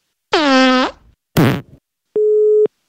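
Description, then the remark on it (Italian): Two brief buzzy, sputtering noises give way to a single loud, steady beep of a phone busy tone after a listener's call to a radio show drops, a flat mid-pitched tone lasting about half a second; no one speaks. “Deve essere caduta la linea.”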